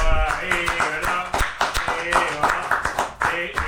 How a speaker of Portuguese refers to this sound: Aqui, ó, é uma salva de palmas